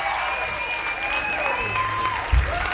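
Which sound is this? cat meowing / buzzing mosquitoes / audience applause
audience applause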